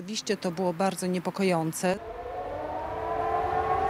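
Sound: air raid alarm siren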